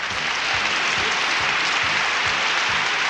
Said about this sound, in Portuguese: E mais palmas, mais palmas.